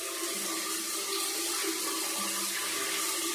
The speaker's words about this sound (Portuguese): E as duas entraram de roupa e tudo debaixo do chuveiro e tomaram aquele banho gostoso.